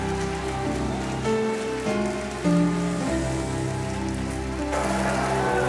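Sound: audience applause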